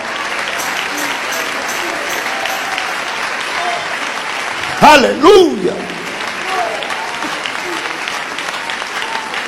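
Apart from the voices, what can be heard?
audience applause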